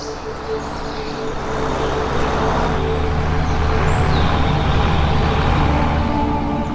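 A farmer drives a tractor toward a meadow, its engine a loud, continuous low diesel rumble with a rough droning hum that swells slightly after the first second and holds, with no voices.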